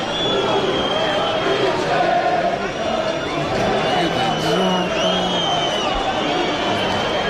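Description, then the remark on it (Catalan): A crowd of 255 Mallorca fans sings the Mallorca club anthem together at Montilivi, a dense, steady wash of many voices that carries on without a break, somewhat muffled and blurred throughout. “255 persones cantant l'himne del Mallorca a Montilivi”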